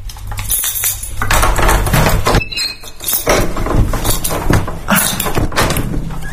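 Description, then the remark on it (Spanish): A group of tourists drag rolling suitcases that rattle and rumble steadily over pavement, a loud, continuous clatter of hard little wheels with a low hum underneath and no voices. “Es salir del portal y cruzarnos con un grupo de turistas arrastrando sus maletas.”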